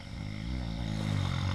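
A grandfather snores: a long, low, rumbling snore drawn out in one steady breath, fairly loud and buzzing, with no one talking over it.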